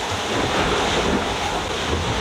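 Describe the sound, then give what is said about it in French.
Steady, roaring wind buffets the microphone over a constant wash of surging waves aboard a sailing boat in strong wind, a loud, dense onboard ambience with no pauses and no voices. “Je sais pas si on entend l'ambiance du bord mais c'est vraiment assez dur.”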